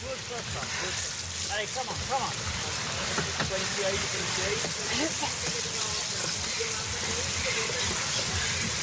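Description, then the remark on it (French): Steady rain falls on a cycling race, hissing across the whole recording as a dense, even wash of noise, with commentators talking underneath it throughout. “Ouais, quand je vous disais le matériel va souffrir, hein, forcément avec la pluie les risques de crevaison sont multipliés.”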